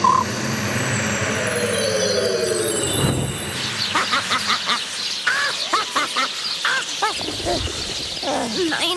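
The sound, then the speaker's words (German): A flock of sparrows bursts into busy, overlapping chirping, dozens of short, bright calls tumbling over one another, following a brief swelling whoosh at the start. “Es sollte Honigbrot regnen, keine Spatzen.”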